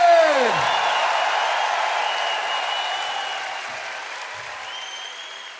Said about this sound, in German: Und jetzt gibt es einen Jenseits-Applaus für Paul Vincent.